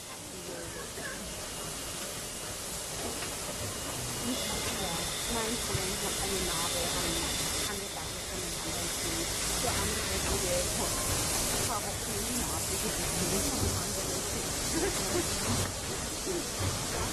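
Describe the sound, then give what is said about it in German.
A steam locomotive, number 58, hisses steadily and fairly loudly as it pulls out into the station to relieve the 52 from Löbau, a continuous broad rush of steam lasting throughout, with faint voices murmuring in the background. “58 fährt jetzt raus in den Bahnhof zur Lok mit Fahrt, um die 52 aus Löbau abzulösen.”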